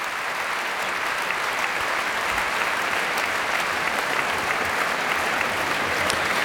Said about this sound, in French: La jeune soliste est aussi très applaudie par les musiciens de l'Orchestre de Paris que la chef Bar Avni fait se lever.